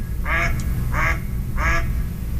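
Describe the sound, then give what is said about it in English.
Three evenly spaced, fairly low mallard duck quacks, each a short harsh nasal call, sounding clear over a steady low rumble of background noise. “Yep. Okay, so that's a fairly low sound.”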